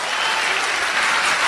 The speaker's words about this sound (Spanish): Un aplauso al Señor.